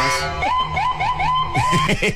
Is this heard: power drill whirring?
no